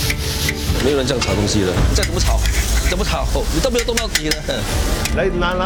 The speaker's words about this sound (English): 没有人这样炒东西的，这样怎么炒？你都没有动到底的。来，拿下来，不是这样的。 Today haven't finished frying 啊，around 150 kg 啊，热了，not okay 啊，ja.